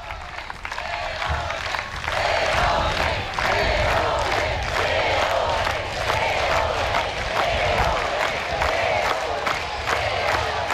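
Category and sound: crowd, crowd applauding and cheering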